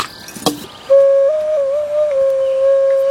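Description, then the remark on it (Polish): An ocarina, one of several among the musical instruments at Cudne Manowce, sounds a single sustained, pure, hollow tone at mid pitch, holding steady with a few small pitch shifts, preceded by a brief clatter. No one speaks. “Jest kilka okaryn.”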